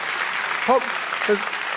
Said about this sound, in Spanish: Vamos, si vas a aplaudir, iglesia.